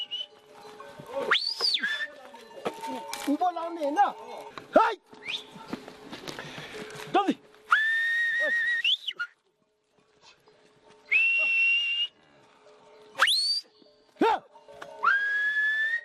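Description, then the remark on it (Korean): A herder whistles to lead yaks and dzo on a quiet morning on a Himalayan plateau 3,500 m above sea level: a series of shrill, sustained whistles and quick rising sweeps, separated by pauses, with shuffling footsteps and faint outdoor rustling beneath. “야크와 쩌우리를 이끄는 건 목동의 휘파람 소리입니다.”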